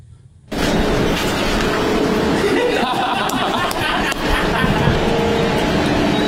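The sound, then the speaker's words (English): A refuse lorry clearing up the horse moat on a sunny day rumbles loudly, its engine and mechanical clatter starting abruptly after a brief hush and staying steady, with faint crowd chatter mixed in beneath. “I love the timing of the refuse lorry.”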